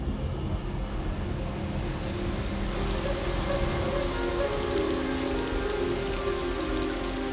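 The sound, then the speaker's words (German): Brief, heavy rain showers pour down onto parched open desert ground near the coast, a dense hiss of countless drops that grows brighter and heavier partway through, with no voices present. “Erste Schauer nähern sich der Küste und erreichen das ausgedörrte Land.”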